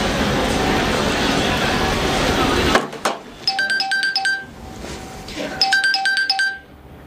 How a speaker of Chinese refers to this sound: 这样吧，你给熊芝拨个电话